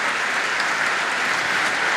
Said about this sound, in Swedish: Han har verkligen lyckats hänföra publiken som nu står upp i bänkarna och applåderar. Ja, han får långa, varma applåder som vi hör.